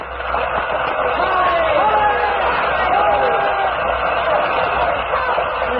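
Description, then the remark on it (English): A theater audience cheers as the curtain lowers, in a loud, steady roar of many overlapping voices that barely rises or falls across the whole stretch, with a few individual shouts standing out from the crowd. “As the curtain lowered, the people stormed their approval.”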